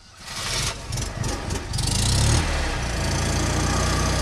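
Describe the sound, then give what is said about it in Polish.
A small Maluch car engine, one of nearly a hundred cars setting out from Wrocław on a charity trip to Normandy, sputters to life and settles into a steady, rumbling idle, fairly loud throughout, with no voices. “W trasę do Normandii ruszy niemal setka aut przygotowanych już do wyprawy i kolejnej charytatywnej misji.”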